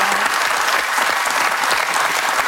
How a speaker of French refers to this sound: Je suis sûr qu'il y a des jeunes femmes qui vous regardent et qui vous applaudissent comme ça.